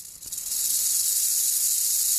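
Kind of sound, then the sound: animal, loud snake hissing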